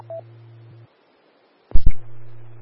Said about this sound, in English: Sorry about that. I accidentally hit the hang-up button on the phone.